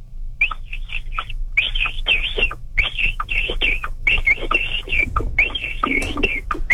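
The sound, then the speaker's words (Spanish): A man whistles an imitation of a capybara call: quick clusters of short, high, chirpy whistles with brief breathy pauses between bursts, fairly loud over a steady low rumble. “Como que se le va el aire al capibara.”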